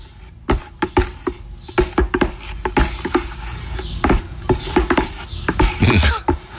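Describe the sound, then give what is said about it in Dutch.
Stirring in an apparently empty plastic latex paint bucket: an irregular run of hollow scraping knocks and clicks as something is dragged around the container, with no one speaking. “Roeren in een bak met latex omdat ik mijn kamer ga verven.”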